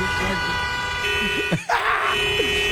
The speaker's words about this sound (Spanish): y dije, pues ¿quién está piti piti? Es que los Claxon, los Claxon.